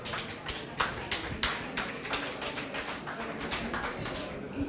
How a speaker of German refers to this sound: Da sind sie, euer Applaus.